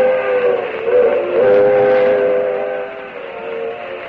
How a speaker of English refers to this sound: I'd get aboard that train if it weren't so slow.